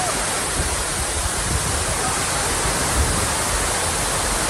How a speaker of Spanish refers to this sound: Pues eso es jarrear, ¿no? Eso es jarrear. Lluvia con rachas de viento que provocó, evidentemente, daños en los toldos y las tiendas de esta acampada en Sol.